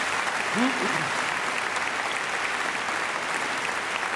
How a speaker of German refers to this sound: So, das ist eigentlich ein Applaus wert, finde ich, oder nicht? Ja, ich denke doch.